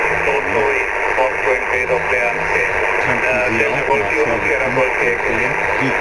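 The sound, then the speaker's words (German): A shortwave radio receiver on a ship hisses and crackles with steady interference caused by the ship's many switching power supplies. The static rises and falls slightly while faint, distorted voices drift through underneath, fairly loud throughout. “Wir haben ziemlich viel Störungen hier auf dem Schiff durch diese vielen Schaltnetzteile, die im Betrieb sind für die ganzen Geräte. Ja. Und die verursachen dieses Prasseln hier.”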